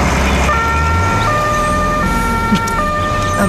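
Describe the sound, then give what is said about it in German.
A loud emergency vehicle siren alternates between two steady pitches in a regular hi-lo pattern over a low rumbling engine and road noise. “Aber nur, wenn die Sirene ausbleibt.”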